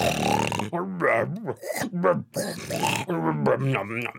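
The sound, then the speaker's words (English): A voice imitates loud, pig-like snoring for a pig dressed in Grandma's clothing asleep in bed in a Little Red Riding Hood story: a run of rough, throaty grunts and snorts, each rising and falling in pitch, repeated in uneven bursts over a few seconds. “Gosh, Grandma, what a loud snore you have.”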